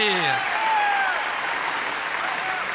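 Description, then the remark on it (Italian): Steady, dense audience applause for a cancan dance performance fills the whole stretch, a broad wash of many hands clapping, with a brief trailing voice or musical tone fading out at the start. “Facciamo un grande applauso al cancan”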